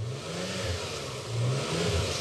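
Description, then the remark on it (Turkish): A 3-litre, 24-valve V6 car engine rumbles steadily, then revs up twice with rising pitch. A faint squeak from the belt can be heard as it settles. No one speaks. “Kayıştan küçük bir gıcırdama geldi.”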